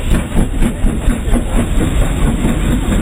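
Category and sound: vehicle, train passing through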